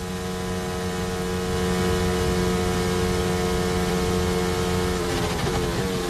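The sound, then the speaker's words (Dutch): A Formula 1 engine drones loudly at a fairly steady pitch, its buzzy tone wavering and stumbling near the end instead of climbing smoothly, with no voices over it. “Kijk, hier hoor je duidelijk dat hij nog helemaal niet doorloopt.”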